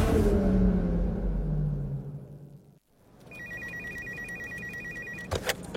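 A vehicle rumbles past and fades away, then a telephone starts ringing with a steady, bright electronic trill that lasts about two seconds before cutting off.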